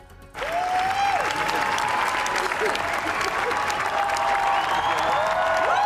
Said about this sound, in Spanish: Más de 20 minutos de aplausos que emocionaron, ya lo ven, a todos, especialmente a Penélope Cruz.